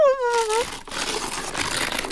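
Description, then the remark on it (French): A short falling vocal sound, then a person tearing the blue star-patterned wrapping paper of a gift: a steady, rough, papery ripping and crinkling noise that continues for a couple of seconds. “… déchire le beau papier bleu étoilé.”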